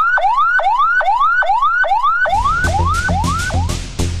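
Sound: ambulance siren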